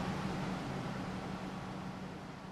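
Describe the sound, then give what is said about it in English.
A steady, droning hum of server racks in a data center server room at TAC, a dense whoosh of fans with a low tonal buzz underneath. It stays constant and moderately loud throughout, with no voices. “As we leave the room, the humming feels like it's following us.”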